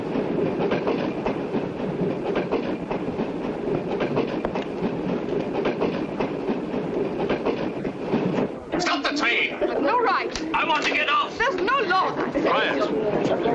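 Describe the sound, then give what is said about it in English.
A train rolls steadily along the rails with a continuous rumble and rhythmic clickety-clack, and partway through voices begin talking over the running noise. “If necessary, I'll shoot anyone who tries to stop the train.”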